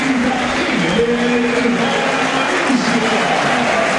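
A large stadium crowd applauds player Leo Flores steadily for about four seconds, a dense wash of clapping and cheering voices that holds at an even, loud level throughout.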